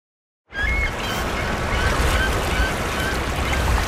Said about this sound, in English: We're walking under a poplar now, beautiful. And then, oh, these birds. Wow, that's a real game show buzzer.